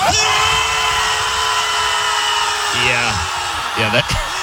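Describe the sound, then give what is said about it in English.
A crowd of people screams together at the ocean in one loud, sustained roar that holds steady for several seconds before breaking into a few scattered, wavering individual yells. “Yeah, that's just a bunch of people screaming at the ocean.”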